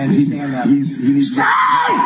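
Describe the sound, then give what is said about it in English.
A person screams and yells loudly during an encounter with a police officer, strained voiced cries running continuously for about two seconds with no pauses. “You can hear. Screaming going on here.”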